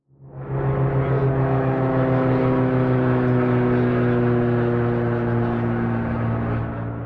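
A loud, steady engine drone of planes flying overhead as fanfare at the grand unveiling of the repaired Amelia in the town of Harbor Grace, a deep humming roar with a buzzing tone that swells in within the first second and holds throughout, with no one speaking.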